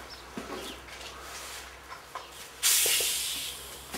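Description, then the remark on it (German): A carbonated water bottle is cracked open with one sudden, bright hiss that fades over about a second, after a stretch of quiet room noise and light clicks. “Mit Kohlensäure. Na super.”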